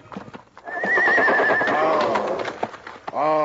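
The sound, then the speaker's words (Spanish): A horse whinnies loudly in a stable as it is untied to be saddled, a long quavering neigh with a second shorter call at the end, over faint hoof clops and shuffling. “Fue a las caballerizas. Iba a desatar su caballo para ensillarlo.”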